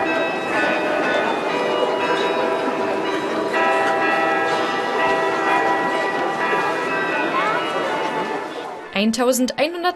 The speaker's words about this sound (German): Im Wiener Walzertakt zu den Klängen aus dem Roten Turm, die Stadtkarillonneur David Drambian dort auf dem größten Glockenspiel Europas spielte.